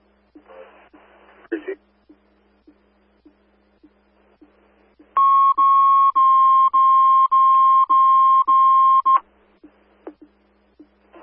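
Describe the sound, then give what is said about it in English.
A fire dispatch radio alert tone placed for Avon Fire station coverage: a loud, steady mid-pitched electronic tone held for about four seconds in a string of short pulses, following a brief burst of radio static and faint regular ticking. “You can place a tone for coverage, please.”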